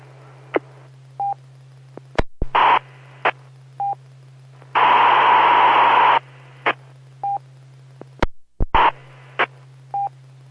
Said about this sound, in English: I keep hearing something. I think somebody else is trying to talk. Are you copying that too? It sounds like somebody's keying up. Just keep repeating keying up. Are you copying that? Yes, I do, but I can hear anything. It's just a scratchy signal.